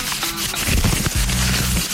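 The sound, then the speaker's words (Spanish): A sheet of paper being crumpled into a ball, a steady, dense crackling and rustling that swells in bursts over two seconds, fairly loud with no voices. “Abolle la hoja al aire, no hay drama.”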